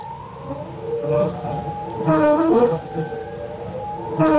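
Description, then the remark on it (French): Whale song from a 1970 vinyl LP record (33 rpm): long, eerie moaning calls with rich overtones that glide up and down, overlapping one another at a steady, fairly loud level with no talking. “On évoque le chant des baleines dans CQFD aujourd'hui. Je vous propose un extrait d'un disque étonnant daté de 1970.”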